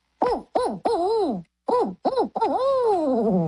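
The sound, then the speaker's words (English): A person imitates a barred owl with their voice: a rhythmic series of loud, wavering hoots in two short groups, ending in a long, drawn-out note that slides downward. “Because even if I wasn't trying to sound like a bird, I don't think I could produce the same noise that you do.”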